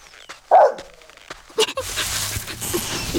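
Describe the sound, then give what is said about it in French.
A gardener's dog barks loudly, a sharp bark followed by a shorter one a second later, then a small animal's steady rustling, scratching at the soil takes over. “Et allez, ça recommence. Il ramène son chien maintenant.”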